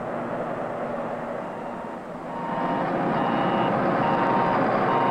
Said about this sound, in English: Backup alarms are another effective means of preventing backing accidents. All moving equipment should have automatic backup alarms that sound off whenever the vehicle is operated in reverse and are audible above the surrounding noise level.